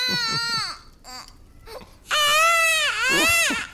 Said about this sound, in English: Kitty, make that baby stop crying before he wakes your father.